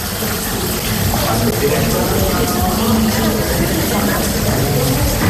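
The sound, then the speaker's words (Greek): Rainwater leaking through the soaked false ceiling inside the hall of Chios airport, also running through the light fixtures onto machines and into a bucket, makes a steady, loud wash of splashing and hiss that runs unbroken for several seconds, with indistinct murmuring voices faintly underneath. “Παντού βρέχει μέσα. Μέσα στην αίθουσα.”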